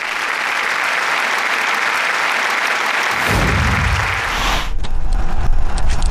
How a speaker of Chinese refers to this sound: 好，下面我们就把讲台交给卢所长，掌声欢迎。